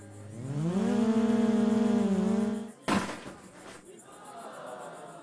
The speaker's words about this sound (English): What you're hearing are sounds from a drone race in the middle of a cornfield. We set up these tracks wherever we can, in our backyards, in these big events in the middle of cornfields.